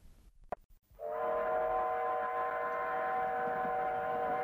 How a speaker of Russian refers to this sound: Я стояла у окна вагона. Поезд замедлил ход.